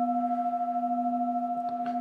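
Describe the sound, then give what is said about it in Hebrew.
A Tibetan singing bowl rings with a steady, sustained hum of layered tones that hold evenly throughout without fading, loud, with no voices. “מה שמיוחד בקערות טיבטיות שיש להם דיקה, יש הצליל שלהם הולך ויש לו צליל מאוד מאוד ארוך, תעודה ארוכה, אפשר להקשיב להתחלה ולסוף.”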